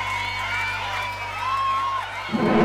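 A crowd cheers and applauds in a steady, noisy wash, with shrill whistles gliding over the top and a louder burst swelling in at the end.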